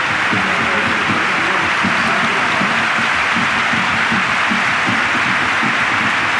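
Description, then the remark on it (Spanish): Loud, sustained applause and a standing ovation from the crowd at the Estadio de la Cartuja for footballer Santi Cazorla as he comes on, a dense continuous wash of clapping with murmured voices and cheers underneath, steady throughout without pause. “El aplauso para Santi Cazorla, que devuelve también cariñoso el asturiano. La ovación por parte de la Cartuja.”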